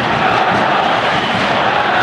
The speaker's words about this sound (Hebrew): קהל של הפועל פתח תקווה מרגיש את האנרגיות, מרגיש את הרצון של שחקניו, מעודד, נותן דחיפה גבית.